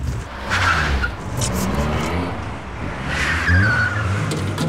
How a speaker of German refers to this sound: Was war das für ein Geräusch? Das war der Auspuff. Weil du mir ins Lenkrad reinlangst.